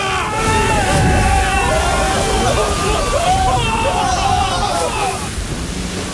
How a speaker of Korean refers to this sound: 파도가 두 차례 더 갑판 위를 강타하였다.